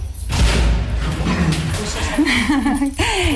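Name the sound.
door being opened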